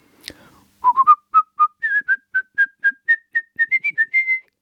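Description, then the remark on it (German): A person whistles a short, lively melody from the third movement of a piano concerto: about sixteen clear, evenly spaced notes, fairly loud, alone after a brief breathy sound at the start. “Wenn Sie also nachher im dritten Satz des Klavierkonzerts diese Melodie hören, ich versuche sie mal zu pfeifen.”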